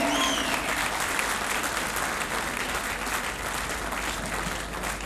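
Sustained audience applause, a dense steady wash of many hands clapping at an even, loud level for the full five seconds, with a brief whistle near the start.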